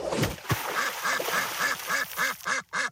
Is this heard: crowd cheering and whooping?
no